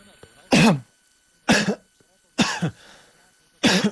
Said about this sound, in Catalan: Ara es tossega d'una manera normal.